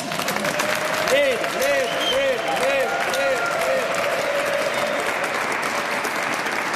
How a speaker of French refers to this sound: J'ai dit, on en cache 4175 et on en montre une, on l'applaudit bien fort.